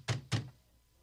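Two heavy, booming knocks on a door in quick succession, loud, followed by a short fading resonance and quiet. The council's guards, with Saul of Tarsus, are knocking and demanding the door be opened.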